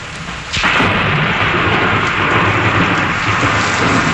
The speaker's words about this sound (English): The sound of thunder.